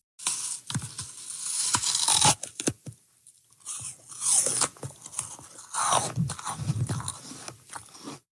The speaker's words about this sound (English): That is the distinct sound of someone biting into a crispy, crunchy apple, something that can take apple breeders decades to perfect.